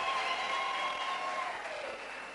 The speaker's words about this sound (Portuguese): Quero pedir uma grande salva de palmas para as nossas pastoras.